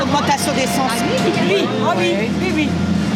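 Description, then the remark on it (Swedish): Busy street ambience at a bus stop next to the central station in Dunkirk: a steady low traffic rumble with several people chatting and a general crowd murmur, continuous and fairly loud throughout. “Ett livligt samtal startar här vid busshållplatsen intill Dunkerques centralstation.”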